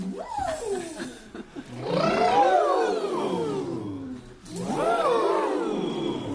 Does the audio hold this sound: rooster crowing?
no